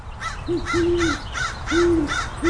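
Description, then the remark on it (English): A female owl hoots in a series of five low, steady notes, some drawn out, while harsher bird calls repeat rhythmically above them throughout, clear. “I think that is the female. I thought it was. Because she is a little higher pitched.”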